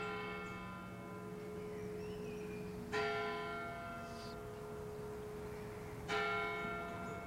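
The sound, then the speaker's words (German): Church bells of the Everding town parish church (Stadtpfarrkirche) ring at eleven o'clock with long, sustained overtones, two heavy strikes about three seconds apart standing out over a continuous humming resonance, fairly loud, with no voices. “Während die 11 Uhr Glocken der Everdinger Stadtpfarrkirche läuten, umkreisen wir die Kirche und betreten sie von der Nordseite.”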